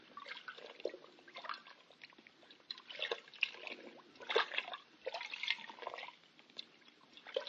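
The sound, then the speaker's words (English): Steady wet trickling and dripping as water with wetting agent in a water bucket soaks through a wrapping, with crackly patter and occasional louder splashy bursts, continuing throughout with no voices. “Did you put wetting agent in the water? Yeah. It'll soak through the wrapping quicker and then throw anything else inside that much faster.”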